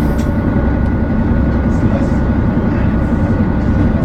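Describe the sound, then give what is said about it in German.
The motors of a vehicle's two systems, just started, purr in a steady, loud, low rumble that holds evenly throughout without breaks, a dense continuous mechanical drone with a faint higher whine riding on top. “Die zweite Anlage läuft auch sehr schön. Ja, dann können wir loslegen, die Motoren schnurren und wir starten die Reise”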